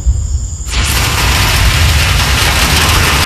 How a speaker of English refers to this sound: All right, here's the rain. Woo! It is coming down like crazy. Holy moly. Wow.